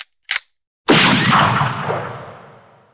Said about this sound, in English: The silence fell over the pasture till the Winchester's hammer fell.